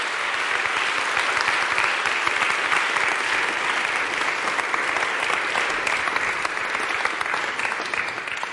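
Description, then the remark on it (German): Sustained audience applause at a concert for a performer fills the whole stretch, a dense, steady wash of many hands clapping at a fairly loud, even level with no voices standing out. “…, großen Applaus.”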